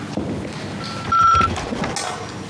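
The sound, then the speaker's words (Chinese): A telephone rings once in a provincial government chairman's office, a steady mid-high electronic tone lasting under a second, over a low background rumble with no one speaking. “你说整天就这么吵，你接一下，看看谁来的电话。”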